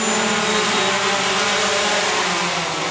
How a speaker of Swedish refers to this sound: Känner vinddraget av den. Det ser ut som ett miniflygplan. Ett vitt 2,5 meter i vingspann.